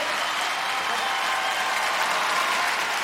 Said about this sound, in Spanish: Yo quiero que usted reciba con un fuerte aplauso en esta noche a nuestro primer invitado.